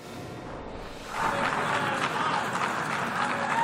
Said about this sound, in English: Israeli Prime Minister Netanyahu was met with both applause and jeers as dozens of delegates walked out before his speech to the United Nations Thursday.